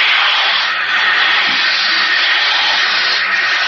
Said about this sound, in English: It's water pouring against the bulkhead.